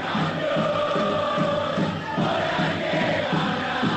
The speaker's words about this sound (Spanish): Muchos gritos, escuchen a la gente.